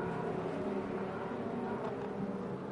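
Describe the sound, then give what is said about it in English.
A loud, steady racing engine roar with a dense harmonic drone holds throughout, consistent with the CrowdStrike race car accelerating away from a pit stop after refuelling and blending in behind GTD cars; no voices are heard. “Going to blend in directly behind some GTD cars”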